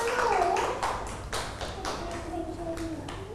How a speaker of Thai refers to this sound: ปรบมือให้น้อง